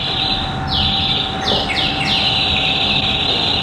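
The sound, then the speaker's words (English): A theatre organ played in a lounge produces its bird-whistle effect: a series of bright, descending warbling chirps repeated several times over a steady sustained drone, fairly loud, with no voices. “Oh, the birds whistling, yes.”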